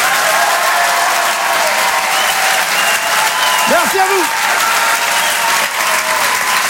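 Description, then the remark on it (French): Sustained audience applause for a comedian after his stand-up set, live at the Apollo théâtre for Rire et Chanson, fills the whole stretch, a dense steady wash of many hands clapping, with a few brief whoops or cheers rising out of it partway through. “On peut l'applaudir très fort.”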